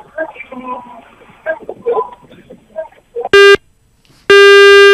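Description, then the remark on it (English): Muffled voices give way to a loud phone disconnect tone as a phone-in caller's line drops: a short electronic beep, a brief pause, then a longer sustained buzzy tone, harsh. “All right, I think there was a disconnect there, but we're not going to give up.”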